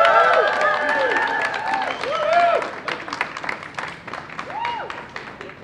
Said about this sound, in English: let's give them a very warm round of applause.